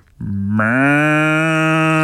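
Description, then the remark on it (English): A person imitates a cow with one long, loud, sustained moo, a low droning voice with rich harmonics that swells after a brief start and holds steady to the end, no other sounds. “I can do a cow. Like, is that like just a moo?”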